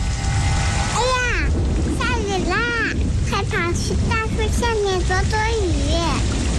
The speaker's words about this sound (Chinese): 下雨 啦， 快跑去大树下面躲躲雨。 下雨了，收起风筝吧，雨天放风筝容易被雷电击到。